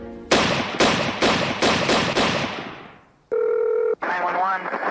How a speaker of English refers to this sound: Six gunshots fired in rapid succession shattered the early morning calm of Rockford, Illinois.